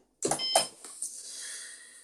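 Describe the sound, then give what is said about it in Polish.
A sharp click as the power button of an espresso machine is pressed, followed by a short, high electronic beep from the machine, then a faint steady tone lingering briefly; no one speaks. “Załączamy ekspres, przycisk. Będzie dźwięk. Power, będzie takie piknięcie.”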